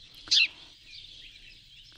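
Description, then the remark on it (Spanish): House sparrows chirp in short, rough bursts, two louder calls standing out near the start and end over a steady wash of fainter twittering, with no voices present. “Poco que ver con el canto, algo tosco, de estos queridos gorriones que ahora nos acompañan.”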